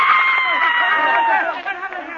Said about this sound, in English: I saw the great chandelier begin to sway high above. It swung to and fro like a giant pendulum. Others had seen it, too. A woman in the audience screamed.